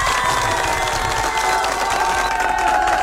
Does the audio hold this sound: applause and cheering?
yes